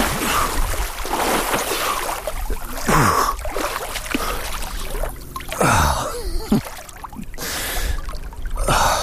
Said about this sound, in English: After beaching the canoe, it's finally time to dive in.